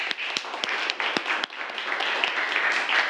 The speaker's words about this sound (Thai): ปรบมือเลยนักเรียน